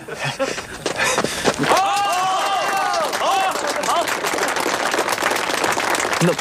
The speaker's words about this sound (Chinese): 来来来，给个鼓掌。